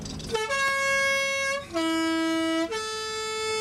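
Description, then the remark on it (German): A three-tone horn of a mountain post bus line sounds a loud melodic call: three sustained, bright notes in a row, dropping from high to low and then rising to a middle pitch, with no talking. “Und die Bergpost hat das Postautohorn.”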